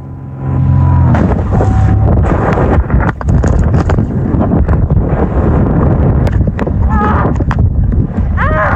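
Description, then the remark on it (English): A loud, continuous roar of rushing wind buffets the microphone as a 44-year-old woman paragliding plummets toward the ground after a small plane crashed into her glider, while she wrestles with her equipment to deploy the emergency parachute; heavy and rumbling, with brief whistling tones and muffled voice-like sounds in the gusts. “She began plummeting toward the ground, wrestling with her equipment, trying to deploy the emergency parachute.”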